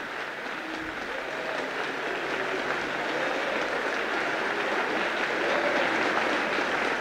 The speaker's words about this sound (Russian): оглушительным шумом сыпались хлопки.